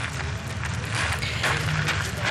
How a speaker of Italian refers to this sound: Vediamo appunto nuovamente, si stringono le mani Papa Leone con Macron e Brigitte insieme. Sentiamo gli applausi.